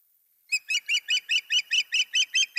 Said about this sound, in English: And so we have a sound to play here, Jim, the call of an osprey. Let's listen.